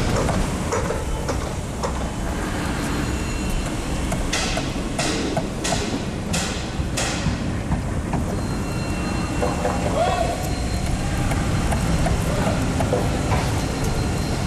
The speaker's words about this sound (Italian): Sentite come il martello pneumatico si accorda con le scavatrici, mentre la ruspa fa da sottofondo.